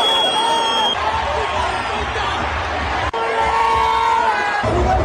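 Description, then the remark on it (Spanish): A dense stadium crowd roars and shouts continuously at the Liga MX women's final (Clausura 2026), América versus Rayadas, at Estadio Ciudad de los Deportes, including insults at the referee. It is a loud, sustained wall of overlapping voices with scattered cheers and whoops, briefly cut at one point before the din resumes. “Esas son algunas recopilaciones sonoras de lo que la gente a mi alrededor estaba gritando, incluyendo los insultos al arbitraje que sí fue cuestionable, pero todos fueron misóginos”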